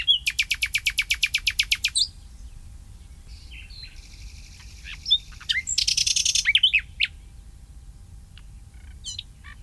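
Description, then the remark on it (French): A common nightingale sings: a fast run of loud repeated notes, then a pause and a string of varied whistles and sharp chirps, over a low, steady background rumble. “juin, là, l'été arrive et le rossignol va se taire, parce qu'il est arrivé début avril.”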